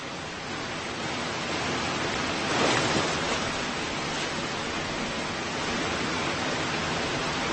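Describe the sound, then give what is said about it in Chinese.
A steady, dense roar of rushing water from a river waterfall, where sockeye salmon speed up against the current trying to leap to the top and brown bears fish, fills the whole clip with a brief swell partway through and no voices. “红大马哈鱼在河底的逆流中开始加速，试图跃上瀑布顶端。”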